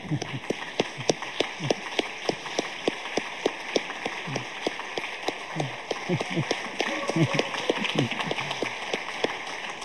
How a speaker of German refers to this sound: Darum bitte ich um einen kräftigen Applaus.